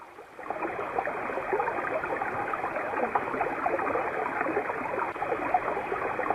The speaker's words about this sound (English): In the silence, the sound of the waters running can still be heard.